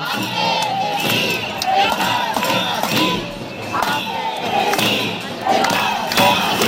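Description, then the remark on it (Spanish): A large crowd of protesting teachers shouts slogans in the streets of Alicante, voices rising and falling in loud, continuous waves, with sharp bangs and whistles cutting through the noisy outdoor chant. “Sí, y a sus gritos reivindicativos ya conocidos por todos se suma ahora el de Ampe, Cesif, Encar, Estemasí”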